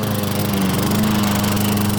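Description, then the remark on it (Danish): A lawn mower engine runs steadily, a loud continuous droning hum with a low buzzing pulse and a faint rising pitch shift partway through, with no voices. “Nu skal du høre lyden af lave priser på sommer i haven.”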